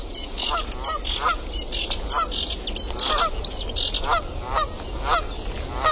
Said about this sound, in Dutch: Ze zitten wel op het water, die Canadese ganzen. Ja, ja, die ga je niet meer ophouden nu.